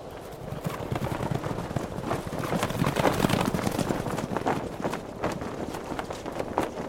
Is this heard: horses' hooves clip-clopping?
yes